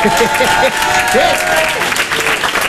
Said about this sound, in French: D'ailleurs, s'il y en a qui ont connu un peu cette période des années 90, qui ont grandi dans les années 90, foutez le bordel un peu, applaudissez qu'on vous entende.